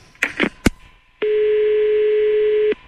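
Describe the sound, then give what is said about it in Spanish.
A few sharp clicks and clatters as a telephone handset is handled and the number redialed, then a steady, unbroken dial tone hums for about a second and a half before cutting off. “Espera, pues vuelvo a marcar otra vez, espera.”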